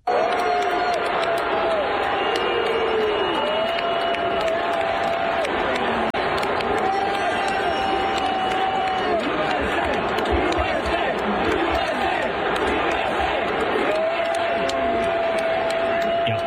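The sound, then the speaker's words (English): A large stadium crowd at Yankee Stadium roars continuously, dense and loud, booing and chanting "USA" during a game on 9/11 at someone who ran onto the field with a Palestinian flag, sustained tonal voices rising out of the din, shouts scattered throughout. “They booed him and chanted USA, apparently threw beers at him and everything, and he got tackled by security.”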